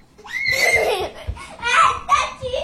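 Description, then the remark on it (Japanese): Children laugh and squeal loudly, their high-pitched voices bubbling in quick, overlapping bursts with excited vocal sounds throughout a few seconds of noisy play. “うるさいな。こっちは仕事してるんだぞ。”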